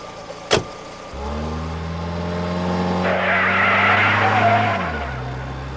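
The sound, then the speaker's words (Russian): After a brief click, a car engine starts humming steadily, then tires skid with a loud, sustained screech for about two seconds as the car takes a corner fast, while the engine keeps running. “Эй, Майк, ты это того, полегче на поворотах.”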